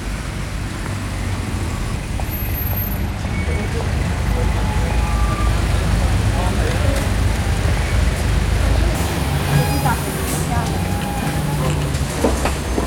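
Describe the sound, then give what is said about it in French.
A city bus, route number 3, rumbles steadily, its large engine droning low and hissing amid street traffic noise, the pitch shifting partway through as it pulls in and idles. “Alors je cherche le bus numéro 3.”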